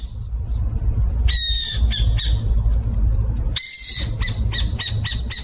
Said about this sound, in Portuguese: Quem disse que é a coruja buraqueira acertou. A coruja buraqueira tem cerca de 25 centímetros. O seu nome científico é Athene cunicularia e pertence à família Strigidae.